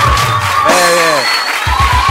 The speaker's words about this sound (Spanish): Fuerte el aplauso a ustedes mismos que han venido a compartir esta grabación con nosotros.